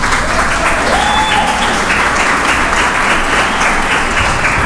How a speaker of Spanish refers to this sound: Yo sí les pido un aplauso para ellas.